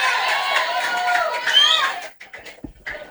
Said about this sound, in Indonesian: Mari kita berikan aplaus.